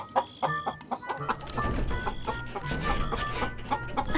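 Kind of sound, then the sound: animal, many chickens clucking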